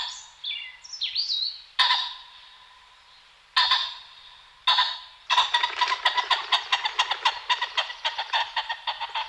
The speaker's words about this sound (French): On a entendu un faisan.